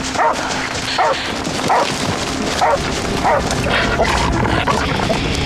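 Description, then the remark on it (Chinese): A police dog, Xingbang, barks repeatedly in short, evenly spaced bursts, about seven sharp barks over a few seconds, fairly loud against steady background noise, as it finds a suspicious object during a search. “报告领导，警犬星帮发现可疑物，请指示。”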